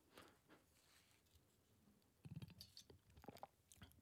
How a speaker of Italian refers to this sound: Altro sorso d'acqua, perché insomma la lettura di Travaglio e Cerasa di fila è complicata, quindi era necessario.